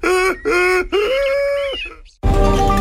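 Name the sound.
donkey braying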